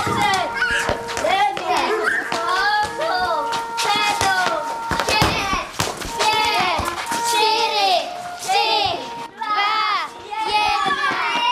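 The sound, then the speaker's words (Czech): A group of children chattering and calling out over one another, with busy overlapping voices and scattered taps and footsteps as they run together from all corners of a hunting lodge for assembly at a hunting camp in Krhová, Vsetín region, Czech Republic. “Děti se teď zbíhají ze všech koutů myslivecké chaty, protože mají nástup.”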